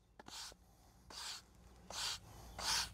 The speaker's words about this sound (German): Heute Nachmittag im Naturfreibad Kreuztal-Krombach. Wo sich in den letzten Tagen noch hunderte Badegäste abgekühlt haben, herrscht gähnende Leere. Das Freibad erst einmal geschlossen. Das einzige Geräusch, der Besen